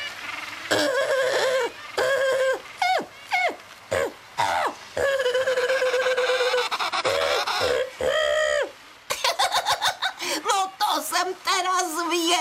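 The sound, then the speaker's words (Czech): Penguins call loudly in a long run of harsh, braying squawks with rising and falling pitch, some calls overlapping, ending in a rapid, stuttering burst of honks. “ale vypadá to, že si s těmi ptáky tučňáky docela rozumí.”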